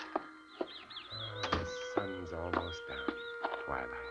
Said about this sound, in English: Wonderful time to get outside. Cool, sweet air. Wonder what kind of birds those are.